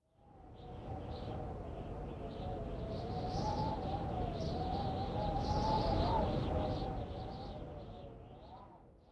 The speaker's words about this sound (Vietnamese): Từ để diễn tả âm thanh vừa rồi là biu biu. Từ này có thể hiểu là tiếng gió rất mạnh, với câu ví dụ 風がビュービュー吹いています.